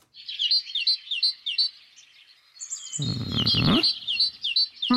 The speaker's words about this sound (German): Hier kommt der Vogel Numero Uno.